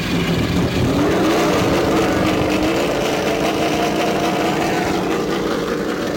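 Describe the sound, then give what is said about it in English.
Race car engines at the Indianapolis Motor Speedway roar to life and rev as the cars restart and pull away, a dense, loud, continuous engine drone with rising harmonic tones, no voices. “And with the call to restart your engines, action at the Indianapolis Motor Speedway.”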